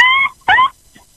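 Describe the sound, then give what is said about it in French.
A child's voice imitates a horse's whinny with two short, high-pitched, wavering cries in quick succession, followed by a faint brief squeak, with no other talking. “Oui, il fait le bruit du cheval.”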